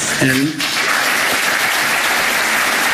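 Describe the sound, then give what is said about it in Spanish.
A loud, sustained ovation of dense clapping from a large audience during Florentino's speech, as he refers to the Negreira case, steady and continuous throughout, with a brief voiced shout or cheer rising above it at the start. “Primera ovación del discurso florentino cuando se refiere al caso Negreira.”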